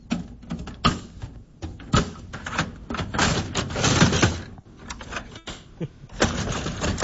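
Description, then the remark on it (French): The paper tray of a printer is slid open and pushed shut, with several hard plastic clunks and scraping slides over a few seconds, and no one speaking. “C'est le tiroir à feuilles de notre imprimante, mesdames, messieurs.”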